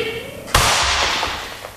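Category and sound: impact, gunshot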